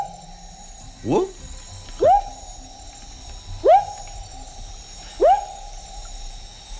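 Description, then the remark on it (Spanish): A frog calls four times at uneven intervals, each note a short upward-swooping whoop, fairly loud, over a steady low drone of background noise. “Es un tipo de rana, sí, efectivamente.”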